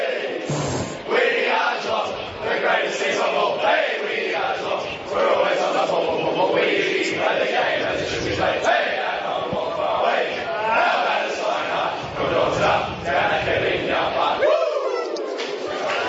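A group of Geelong football players in the Geelong rooms loudly singing their team victory song together, rowdy and shouted more than sung, carrying on steadily for about fifteen seconds before breaking off near the end.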